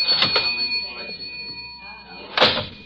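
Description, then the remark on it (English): A cash register drawer opens with a ringing bell tone and mechanical clatter, with a second sharp clunk near the end and faint background noise. “I got in the cash register.”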